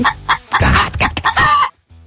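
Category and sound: bird, chicken clucking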